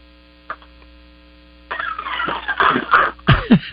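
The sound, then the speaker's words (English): A Labrador retriever moves around a room as it chases a person: a single soft knock, then bursts of rustling, shuffling and scrabbling that grow busier and louder, all over a steady electrical hum. “Yeah, it's my son just let his dog in here. He's got a lab that's chasing me around.”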